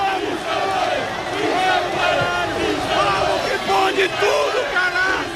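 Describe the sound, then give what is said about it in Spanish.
A large crowd of football fans, more than 4,000 people at the south roundabout, roars and chants continuously, loud overlapping shouts and cheers rising in waves as they welcome the arriving team bus of Unión Deportiva Almería. “Ahora mismo está pasando por delante nuestro el autobús de la Unión Deportiva Almería. Dicen que una imagen vale más que mil palabras, pero un sonido también.”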